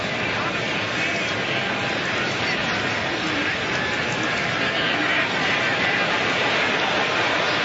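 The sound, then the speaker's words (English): A large American football stadium crowd at a Buccaneers game groans together at an offensive holding penalty, a dense, steady wash of many voices that stays loud and unbroken for several seconds, with no single speaker standing out. “Hear the groans from the crowd.”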